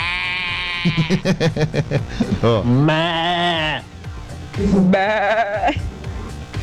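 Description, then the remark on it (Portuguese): Human voices in WhatsApp voice messages from a Brazilian goat-imitating group imitate a goat's bleat, producing wavering, nasal, drawn-out cries, a few in a row, after a brief spoken word at the start. “Tem que mandar áudio só imitando bode.”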